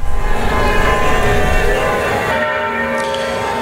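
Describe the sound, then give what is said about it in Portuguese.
Bells of the Paróquia de Nossa Senhora do Carmo church in Mariana, Minas Gerais, ring continuously in a loud, dense wash of overlapping metallic tones, with sustained ringing harmonics and a low rumble beneath, and no voices. “Nesse momento, olha só, não sei se vai dar para ouvir de casa, o badalar dos sinos aqui da igreja que está atrás de mim, olha, a paróquia de Nossa Senhora do Carmo”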